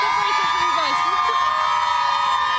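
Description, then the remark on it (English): A dense, steady wash of crowd noise at an outdoor Pride event in New York City, many overlapping voices and chatter, occasional higher calls rising above the din, continuous and fairly loud throughout. “You said we've been talking to a lot of people in the crowd here.”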